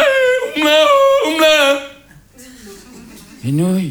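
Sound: tyrolean-style singing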